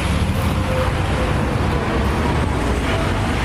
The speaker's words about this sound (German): Das größte Krankenhaus Guatemalas, das Hospital Roosevelt, liegt etwas außerhalb des Zentrums, direkt am Trébol, dem Kleeblatt, einem dieser chaotischen Verkehrsknotenpunkte der Stadt.